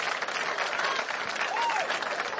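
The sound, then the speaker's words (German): An evening crowd at the outdoor Radio 1 Parkfest in Park am Gleisdreieck applauds steadily, a dense, even wash of many hands clapping at once, sustained throughout without pause and heard from within the audience, with a faint whistle rising briefly over it. “Ich möchte gern so, nee, jetzt kein Jubel mehr, so ein, wie soll ich sagen, so einen abendlichen Applaus, sowas kulturell Schönes.”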